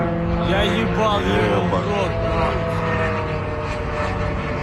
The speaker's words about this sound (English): Footage posted on social media shows a drone flying over Khimki, a suburb northwest of Moscow.